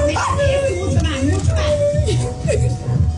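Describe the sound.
A celebrating dog barks and yips excitedly in quick bursts with whiny, rising tones, loud, while people talk and murmur in the background throughout.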